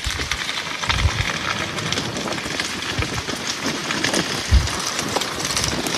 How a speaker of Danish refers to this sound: Og det er desværre ikke lyden af en åben kamin i et sommerhus på en dejlig, kølig regnværsdag et sted ved vestkysten. Nej, det er skovbunden i en region syd for Paris, hvor en naturbrand har spredt sig over 800 hektar